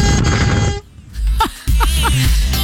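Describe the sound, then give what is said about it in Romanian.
A loud, brassy bugle blast, played from a sound-effect button to mark the start of the week on a Monday, holds steady for under a second and cuts off abruptly, followed by a short pause and then voices. “Dau eu o goarnă pentru toți.”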